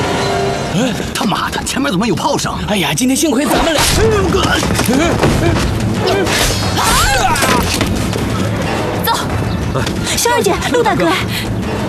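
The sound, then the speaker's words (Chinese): Heavy artillery blasts boom repeatedly through a loud, chaotic scene, with shouting voices layered over the continuous rumble of cannon fire and explosions. “哎，他妈的，前面怎么有炮声？”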